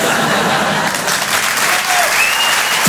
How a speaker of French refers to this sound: Regarde ma chérie, c'est la première fois qu'il y a des gens qui applaudissent devant un porno.